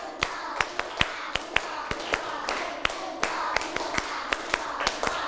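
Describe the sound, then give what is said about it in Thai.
Children clap two sets on a teacher's call, a steady series of sharp, evenly spaced claps, about a dozen or more in quick rhythm, over a faint background murmur of young voices. “ปรบมือ1ชุด1ชุดก่อนนะตั้งสติปรบมือ1ชุดปรบมือ2ชุด”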